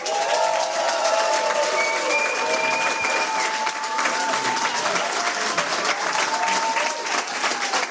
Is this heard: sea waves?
no